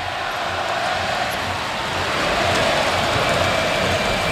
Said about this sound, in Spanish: Árbitro, qué malo eres, canta el Carpena.